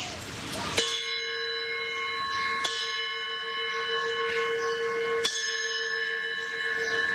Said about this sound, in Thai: เข้าห้องเรียนเนาะลืมตีระฆังลืมตีระฆัง